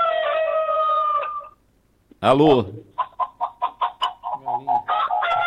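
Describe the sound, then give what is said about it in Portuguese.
A long rooster crow rings out, then a short spoken word, followed by a quick, steady run of about a dozen clucks, fairly loud over a faint telephone-like line. It comes from a listener calling a radio show by telephone and is linked to the Galo de Campina Grande. “É o Galo, é?”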